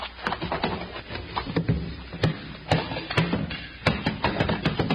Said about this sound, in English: Let's have a look at that barrel. I got an axe right here in the boat